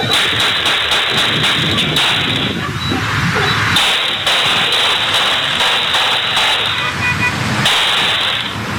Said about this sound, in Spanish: Son cámaras privadas que obviamente están en poder de la policía, pero presten atención a los disparos.